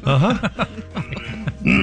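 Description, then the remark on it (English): A person fakes a string of exaggerated, throaty coughs as practice, several voiced hacking bursts in quick succession, fairly loud, with a strained, almost groaning tone. “I'm going to practice my coughing.”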